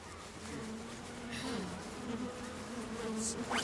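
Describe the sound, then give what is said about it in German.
A dense, steady hum of many honey bees buzzing around a hive as beekeepers inspect it, continuous, with individual bees droning past and rising in pitch now and then; no one speaks. “Ja, dann wollen wir doch mal sehen, wie fleißig unsere Bienen waren.”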